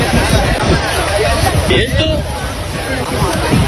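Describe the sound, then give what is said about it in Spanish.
A dense crowd hubbub of many overlapping voices on a beach in Cartagena, Murcia, as bathers film migrants jumping into the water from a crowded boat and running up the beach, loud and steady throughout, with excited shouts rising briefly from the babble and a constant wash of noise underneath. “Bañistas que están en la playa graban como un montón de personas se lanzan al agua desde una embarcación abarrotada y echan a correr por la playa.”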